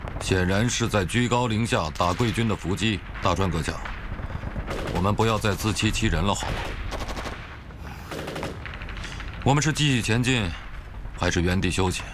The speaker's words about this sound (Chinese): 皇军的枪声是从山坳内传出来的，带有明显的回音。你再听听八路军这清脆的枪声。